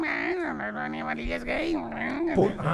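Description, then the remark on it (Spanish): A person imitates a cat's meow, drawing out a continuous, whiny voiced sound whose pitch swoops up and down several times. It is fairly loud, with no other sounds around it. “El gato maullaba así.”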